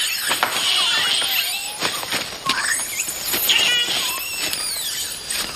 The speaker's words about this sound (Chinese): 这群吵闹的猴子却不这么想。